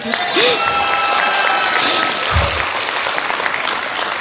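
An audience claps steadily for a few seconds, a dense, continuous patter of many hands at an even, fairly loud level, with a brief low thump partway through.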